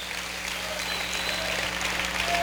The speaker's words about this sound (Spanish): Aleluya, aplaude y bendígalo.